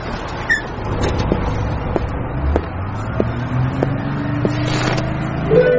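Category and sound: vehicle, bus driving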